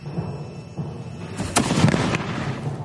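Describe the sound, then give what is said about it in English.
A rumbling low background breaks into a cluster of sharp, booming blasts of cannon fire, several shots overlapping in quick succession, then fading back to a dull rumble. “acquire a unique know-how in the manufacture and use of cannons, bombards, and other artillery. Thanks to them, artillery evolved at a pace.”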